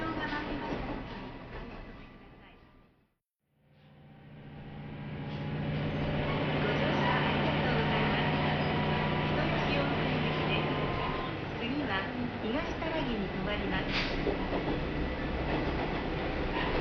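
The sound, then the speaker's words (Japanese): A Kuma River Railway local train, which left Yunomae Station at 4:20 pm on a weekday bound for Higo-Nishinomura Station, pulls away and runs steadily along the rails, its engine drone and wheel rumble building after a brief pause to a loud, continuous ride with faint clicks and rattles. “今乗っているのは平日の午後4時20分に湯の前駅を発車した球磨川鉄道の肥後西野村駅行きです”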